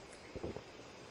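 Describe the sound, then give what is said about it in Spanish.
A cow swallowing its re-chewed cud a second time: one brief, muffled, low gulp made of a few quick pulses against a steady airy hiss of wind. “Y si están muy callados, oirán cómo traga.”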